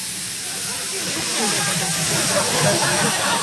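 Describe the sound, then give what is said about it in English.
A person imitates a sizzling fajita platter with a steady, loud, breathy hiss that holds for about three seconds and swells slightly toward the end. “Got the sizzling fajitas.”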